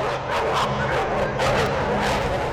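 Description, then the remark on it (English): Dogs forced into a dog fight bark and snarl aggressively in rapid, overlapping bursts, loud, like a scuffle breaking out, with no pause in the commotion. “Dog fighting is a cruel and deadly activity in which dogs are forced to tear each other apart.”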